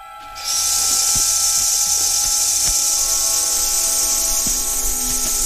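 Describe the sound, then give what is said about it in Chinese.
Nestlings in a nest, on spotting a predatory bird, give a threat call like a rattlesnake's rattle: a loud, harsh, steady buzzing hiss that starts abruptly and holds without a break for about five seconds, with no talking. “这种声音酷似响尾蛇摇动尾尖发出的声响，然而响尾蛇恰恰是走鹃喜爱的猎物之一。”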